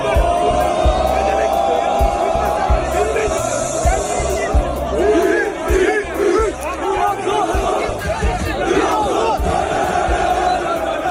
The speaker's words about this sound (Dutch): Mohamed Salah landde vandaag in het shirt van Trabzonspor in Istanbul en er werd onder luid gejuich ontvangen.